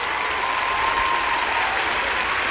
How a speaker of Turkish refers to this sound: Çok büyük alkışlarla gönderiyorum